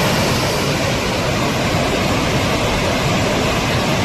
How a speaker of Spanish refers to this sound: Así suena el río Besós, que baja con mucha fuerza hasta ahora. De hecho, la alerta hidrográfica es extrema. En las imágenes se aprecia el enorme caudal que está descargando.